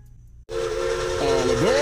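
After a brief low rumble, a steam train whistle blasts in suddenly, loud and sustained over heavy hissing steam, its tone bending downward near the end.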